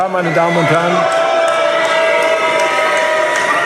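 A large crowd of union members jeers and boos loudly and continuously, a dense roar of many voices with rising and falling shouts, and no clear speech standing out.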